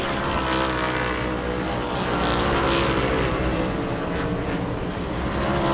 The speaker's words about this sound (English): Back at Richmond Raceway, Group 2 cars on the track for their practice session, which they have 10 minutes left of.